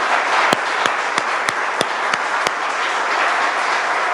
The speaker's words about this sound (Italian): E ora chiamo sul palco il vice segretario di Base Popolare, Dante Monda. Continuiamo l'applauso per Dante.